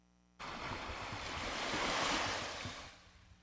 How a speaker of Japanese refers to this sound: はい、ということで波の音が心地いい。 波の音が心地いいですね。 この波ね、ちょっと聞こえづらいかな、うん、これ実際に沖縄に行って撮ってきたんですよ。